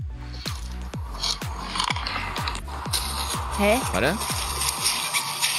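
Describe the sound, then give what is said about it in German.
A mole makes a rapid, rhythmic series of dry rasping clicks, like a zipper being pulled in short jerks, with a brief spoken word partway through. “Ey, das hat sich für mich angehört, als hätte man so bei so einem Reißverschluss.”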